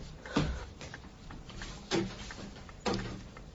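A drawer slides and thumps open, followed by soft rummaging and a couple more sharp knocks and clatters as things inside are shifted around while searching for an envelope, with no talking.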